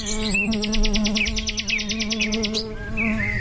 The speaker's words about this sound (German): Alles summt und brummt, die Vögel zwitschern. Ja, was gibt's denn bitte Schöneres als den heimischen Garten?